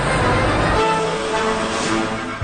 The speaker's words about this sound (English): A truck driving it in, workers wearing construction vests.